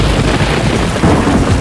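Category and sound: nature, thunder rumble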